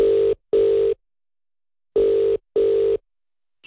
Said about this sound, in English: I've got his number punched in now, and we'll ask if he's doing okay. That's if he answers the phone.